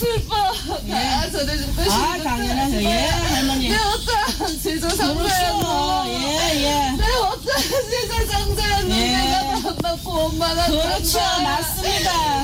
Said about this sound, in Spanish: Bueno, esta es una primera parte donde se escucha. Pues está riendo esto. O está llorando. Está llorando. Bueno, está ahora llorando.